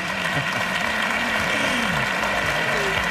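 A crowd applauds steadily for about three seconds, a dense, even wash of clapping at constant loudness, with faint voices murmuring beneath it.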